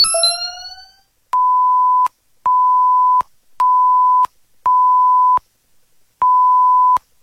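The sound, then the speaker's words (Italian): A radio time signal on RCS Network giving the exact time: five loud, steady pure-tone beeps about a second apart, with a slightly longer pause before the final one, after a brief electronic sweep at the start. “L'ora esatta ti è presentata da Sveglia Ragazzi!”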